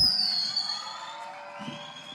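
A large audience at the closing of Radioactiva's Maratón del Gallo 2026 claps and cheers for a band continuously, a dense wash of applause and shouting at steady volume, with a few louder whoops rising out of the crowd.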